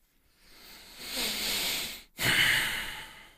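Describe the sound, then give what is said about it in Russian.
Heavy breathing right up against a microphone: a long, loud, airy breath that swells and fades, a brief pause, then a second forceful rush of breath. No talking. “Да, уж извините за эти дыхания в микрофон”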